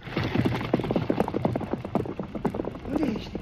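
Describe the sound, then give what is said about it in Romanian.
Horses galloping, their hoofbeats a rapid, steady clatter that fills the whole stretch without letting up, with a brief voice rising over it near the end. “Ai dreptate, pe cai, gata, galop!”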